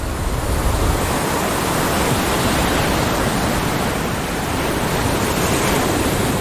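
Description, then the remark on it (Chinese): Steady roar of ocean surf breaking on a beach on a remote stretch of Costa Rica's coastline, a dense, continuous wash of noise with no distinct individual wave crashes, fairly loud throughout, no voices. “但这个海滩却是例外。”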